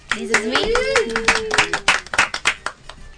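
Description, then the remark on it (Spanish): A small audience claps their hands in a brisk, uneven burst of applause, while a voice talks briefly over the first second. “¿Le podemos aplaudir?”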